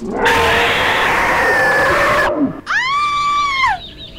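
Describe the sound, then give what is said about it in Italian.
A woman screams loudly: first a harsh, ragged shriek for about two seconds, then after a brief break a piercing, sustained high-pitched wail that trails off. “Hai sentito anche tu urlare”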